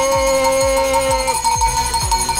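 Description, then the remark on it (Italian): A bright, metallic bell tone rings out on an Italian radio programme and holds for about a second, over a steady beat of deep thumps pulsing roughly twice a second. The bell is inscribed 'Zo Backup 2025'. No one speaks. “No, perché questa è bella, eh.”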